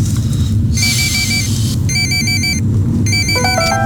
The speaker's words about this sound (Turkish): Telefon çalıyor. Benim değil. Benim de değil, bu zır zır çalıyor.